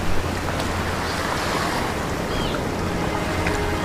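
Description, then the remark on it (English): Waves break and wash against a rocky shore in a steady, rushing roar, loud, with a touch of wind noise and no voices. “On this rocky coastline, a colony of semi-aquatic creatures rule the waters.”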